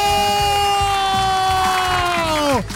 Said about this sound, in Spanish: ¿Quién tiene el 5115? 5115 a la una. ¡Fuerte el aplauso!